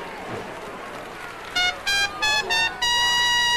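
A bugle is played at a parade, a brief call of four quick, bright notes and then one long held tone, loud over a low murmuring background that fills the first second and a half.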